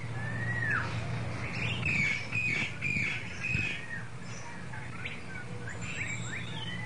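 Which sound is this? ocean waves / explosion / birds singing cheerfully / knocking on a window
birds singing cheerfully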